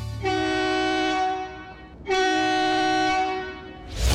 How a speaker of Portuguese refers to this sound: essa é a buzina de um bitrenzão